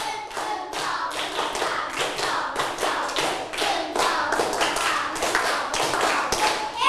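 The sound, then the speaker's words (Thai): Hands clap in a steady, rhythmic series, many sharp bright claps following one another at an even pace, fairly loud throughout with no talking. “ปรบมือ5ครั้งปรบมือ1ชุดหนึ่งชุดมีกี่ครั้งนะ3ครั้งใหม่ปลายทางด้วยลูกพร้อมๆกันปรบมือ1ชุด”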